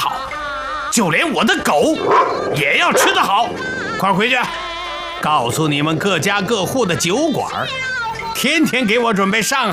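A dog barks and yelps over and over, loud, the excited calls tumbling together almost without pause for the whole stretch.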